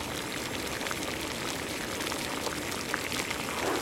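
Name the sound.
pot of water boiling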